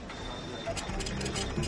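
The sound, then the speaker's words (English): A printer or fax machine at the Ramstein Community Center runs with a thin, steady high whine, then a series of rapid mechanical clattering bursts and whirs, with a faint murmur of voices underneath. “They even do faxing, printing, and scanning.”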